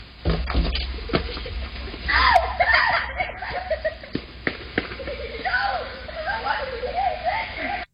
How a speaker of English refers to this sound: Wait, that one yell, is that you? No, it's kids. A group of kids.